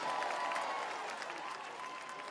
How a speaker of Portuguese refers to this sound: Uma salva de palmas para Cabo Verde. Tubarões Azuis.